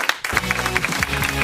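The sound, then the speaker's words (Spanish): An audience applauds in a dense, steady patter of claps at the close of the radio show Sucedió una noche, with a low sustained tone running underneath after a brief opening moment. “Un aplauso para Charlie, otro para Laura, para vosotros públicos.”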